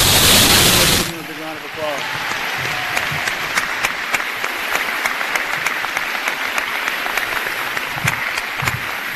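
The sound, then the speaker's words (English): An audience breaks into loud applause for the new Christian County High School staff, a sharp burst at first that settles into steady, dense clapping lasting several seconds, with scattered cheers and voices mixed into the crowd noise. “I'd like to recognize quickly and give a big round of applause to the new Christian County High School staff.”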